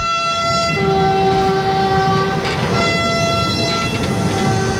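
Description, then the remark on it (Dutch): A freight train rolls by on the rails, a loud, steady rumble with high, sustained metallic tones ringing over it throughout, continuous with no voices. “De Polen rijden hem naar de grens met Oekraïne en daar worden al die pick-ups eraf gehaald, overgezet op een Oekraïnse trein en dan zo verder het land in.”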